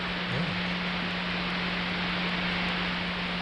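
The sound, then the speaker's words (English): A steady, dense hiss of DAB radio signal noise, picked up with a poor antenna, rushes on like a waterfall, with a faint constant hum underneath and no voices. “So it's not ideal, but it allows us to kind of listen to what the DAB thing does at the moment.”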